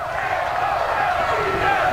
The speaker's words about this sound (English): First Noles cheer of the day